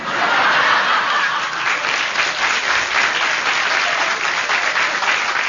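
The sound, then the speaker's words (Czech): Sustained audience applause, a dense, steady wash of many hands clapping at a fairly loud, even level for several seconds, with faint chuckles mixed in and no speech over it. “Máte potlesk, uklonte se.”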